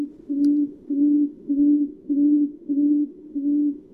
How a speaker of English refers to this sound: They're impossibly cute and sometimes impossible to see with their camouflage, the tawny frog mouth.